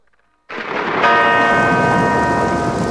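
After a brief hush, a loud wash of rain and rumbling thunder rolls in, then a single deep church bell strikes and rings on, its tone lingering over the storm.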